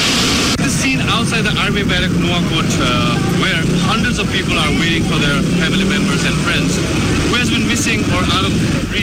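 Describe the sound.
A helicopter roars loudly and steadily, its heavy rotor drone filling the scene while several people's voices chatter underneath, in front of the army headquarters in Nuwakot, Nepal, where people anxiously wait for news of relatives.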